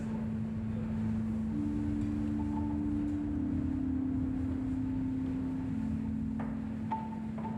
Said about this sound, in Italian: Il suo unico abitante adesso è il vento.